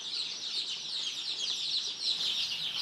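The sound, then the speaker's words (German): A dense chorus of high, shrill peeps from many young chicks in a barn, overlapping continuously and fairly steady in loudness, with no voices. “So ein Küken habe ich auch noch nicht gesehen.”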